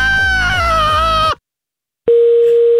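A loud, wavering, strained vocal cry cuts off into a second of silence, then a phone's busy tone sounds as a steady, mid-pitched electronic hum after the receiver is hung up during a call.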